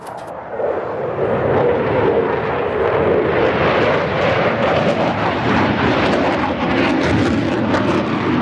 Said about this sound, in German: Tausende Besucher drängen sich am Zaun vom Rollfeld, wenn Eurofighter oder Tornado über die ILA donnern. Manchmal fliegen sie kopfüber, beim nächsten Mal machen sie ein Looping.